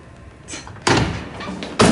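A person is pushed and slammed hard against bathroom stalls, a loud rattling slam followed by a second heavy bang near the end, preceded by a brief shuffle; no voices.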